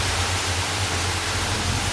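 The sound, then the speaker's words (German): Steady, dense rushing of water at an outdoor forest swimming pool in Geldern, Germany, on a sunny Saturday, like a waterfall or strong spray, loud and continuous with a low hum beneath, no voices present. “Das klingt, als würdest du unterm Wasserfall stehen. Fast. Ich bin ja gerade im Waldfreibad in Geldern.”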